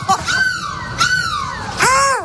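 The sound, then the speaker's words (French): A person's voice imitates a seagull as a goodbye on a bus in Lille, giving three loud, nasal, wavering cries in quick succession, each rising then falling in pitch, with no other talk. “Mais c'est quoi cette mouette, …? Mais laisse-moi tranquille, je fais la mouette que je veux.”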